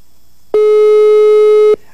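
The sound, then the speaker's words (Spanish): A single loud, steady electronic tone of an outgoing call ringing as a radio host calls a contest winner, lasting just over a second and cutting off sharply, with only faint background hum before and after. “A ver, ¿está timbrando o no? Vamos a ver. Aquí dice que está timbrando.”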